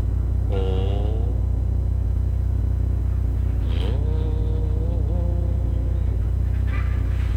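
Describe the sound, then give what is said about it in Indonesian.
A generator set hums with a steady, low droning throughout, unchanging in loudness, while a few brief wavering, honk-like tonal calls rise over it now and then. “Apa menginging ni lah? Bin mendengarkah menginging? Ah, jenset ya.”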